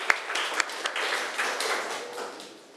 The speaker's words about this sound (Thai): เอาล่ะเอาปรบมือให้กำลังใจหน่อย